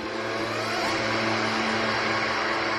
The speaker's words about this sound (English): Sure enough, a Jeep Cherokee speeding out of the garage around 7:45 p.m.